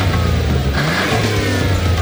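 A car engine revs loudly up close, its deep mid-pitched roar rising and holding steady over about two seconds, with no voices present.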